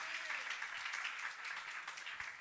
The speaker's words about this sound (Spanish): Le damos palmas de alabanza a nuestro Dios, hermano. Déselo fuerte.